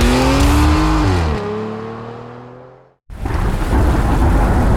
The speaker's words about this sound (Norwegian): Ja, der kom regn igjen.